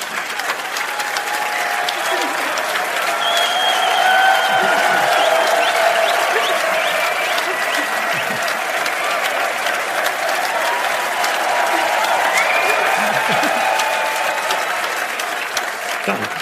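Loud, sustained applause from a large audience fills the whole stretch, a dense steady wash of clapping with a few whoops and cheers rising above it.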